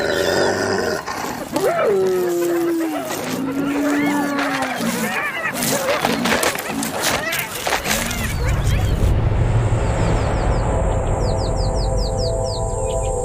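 Spotted hyenas growl and let out rising, whining yelps amid rustling scuffles as a clan leader asserts its presence with growls and forceful scratching, then a low rumbling continues while birds chirp repeatedly in the background.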